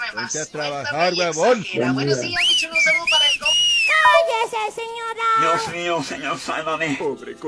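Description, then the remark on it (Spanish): A high, bright whistle sound effect rises and falls in a couple of sweeping arcs, the classic flirtatious wolf whistle, played on request to start a song, set between stretches of voices talking and singing. “Y ponme un chiflido sexy para iniciar con todo.”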